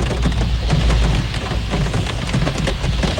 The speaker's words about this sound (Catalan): I acabarem la connexió escoltant Només la pluja tocalla, Molet, i escoltem com plou a dins, bueno, dins no, a l'exterior del vehicle del Molet a la ciutat de Barcelona.